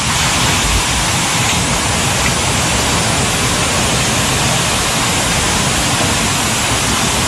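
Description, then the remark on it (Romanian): A dense, steady roar of torrential rain pouring down in Timiș County, Romania, a constant loud hiss that fills every moment without any pause or change in intensity, with no voices. “A plouat torențial și în județul Timiș.”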